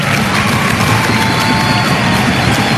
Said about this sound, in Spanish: Un aplauso.